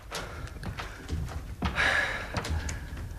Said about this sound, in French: Y'a pas de porte? Si. Eh ben alors ouvre! Referme. Pousse les verrous.